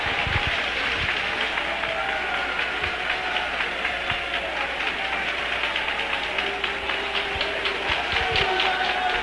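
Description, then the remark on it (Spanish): A church crowd claps steadily in applause to the Father, the Son and the Holy Spirit, a dense, continuous patter of many hands, sustained at an even level across the whole stretch with no voices standing out. “Y le damos un aplauso al Padre, al Hijo y al Espíritu Santo.”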